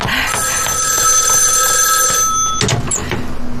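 A telephone bell rings loudly and continuously with a bright metallic trill, then cuts off near the end, followed by a few soft clatters and faint movement.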